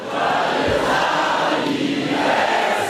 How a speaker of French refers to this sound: Oui, Marine Le Pen arrive à la tribune sous les acclamations. Premier rendez-vous de sa campagne, le jour de l'anniversaire de Jordan Bardella.